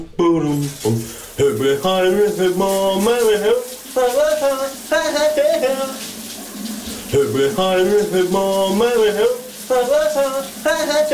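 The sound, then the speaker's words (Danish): A shower runs with a steady hiss of spraying water while a man sings a hit song from the 1980s loudly in a wavering voice, his phrases rising and falling over the constant rush. “hvad det var for en sang, … han sang under bruseren”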